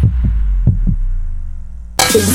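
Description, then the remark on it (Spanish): Two pairs of deep, muffled heartbeat thumps over a low droning hum, followed by a sudden burst of bright, full music after about two seconds, a heartbeat sound effect in a La Radio del Sur station jingle. “Escuchando los latidos de la patria grande.”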